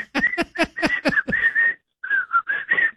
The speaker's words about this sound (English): Got to work on that whistle.